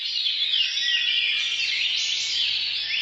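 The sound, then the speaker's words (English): A dense chorus of birds singing, with many overlapping high chirps and trills blending into a steady, continuous wash of song, with no voices present. “While they're still working on understanding why, it's possible that hearing birds singing makes people feel like they're in a safe environment”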